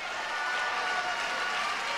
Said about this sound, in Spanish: Alabe a Dios fuerte. Aplauda a Dios. ¿Dónde están los que alaban a Dios con fuerza?